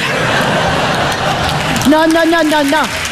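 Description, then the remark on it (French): An audience claps in a dense, steady wash of applause for about two seconds, then a man's voice starts speaking over the tail of the clapping. “Non, monsieur, dame, n'applaudissez pas.”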